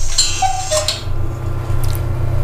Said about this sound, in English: 5:30. As told by the cuckoo clock.